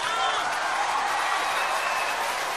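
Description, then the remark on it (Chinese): Steady, dense applause from an audience at a xiangsheng (crosstalk) performance by Yue Yunpeng and Shen Teng, a continuous wash of clapping that holds at an even loudness for the whole stretch, with faint crowd voices mixed in. “谢谢，谢谢大家的热情掌声，谢谢。”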